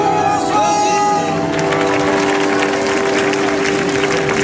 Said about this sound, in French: que vous pouvez applaudir très très fort. Merci.